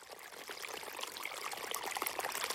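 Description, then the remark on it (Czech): A small stream of water trickles and gurgles steadily, with bubbly splashes throughout, growing slightly louder toward the end. No voices. “Nejdřív jako docela maličký potůček, kterého si všimla jenom jedna malá kachnička a hned se v něm čvachtala a volala, koukejte, tady je nějaký malý potůček, to je legrace.”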